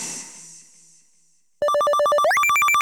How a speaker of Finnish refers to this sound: Jos luurisi soi, vastaa.